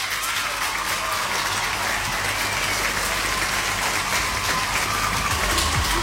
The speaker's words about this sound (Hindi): बिल्कुल सही जवाब भेजा सबने, तो आपके लिए बजेंगी यहाँ पे बढ़िया वाली तालियां, तो तैयार हो जाइए।